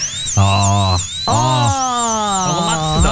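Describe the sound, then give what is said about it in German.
A dentist's drill whines at a high, wavering pitch throughout, over lower buzzing tones that start, stop and bend in pitch as the drill speeds up and slows down. “Dieser Bohrer beim Zahnarzt.”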